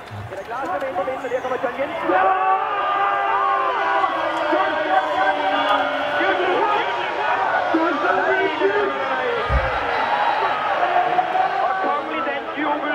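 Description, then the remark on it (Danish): A large football crowd watching Denmark play cheers and chants from afar, heard from a balcony: a dense roar of many voices that swells after the first two seconds and holds steady, loud and continuous, to the end. “Og derfor hører vi den legendariske lyd sådan lidt på afstand.”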